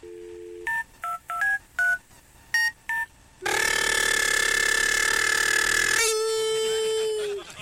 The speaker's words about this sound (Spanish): chamaco le marcó por teléfono a su mamá, ¿no?